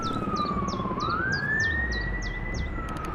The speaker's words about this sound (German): Gestern haben wir bemerkt, dass etwas passiert. Die Sirenen begannen zu heulen.